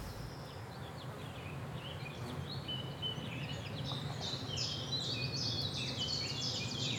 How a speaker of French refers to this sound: Là, par exemple, on entend un pouillo véloce. On appelle ça le compte écu, qui va chip-chap-chip-chap-chip-chap-chip-chap. En anglais, il s'appelle chip-chap.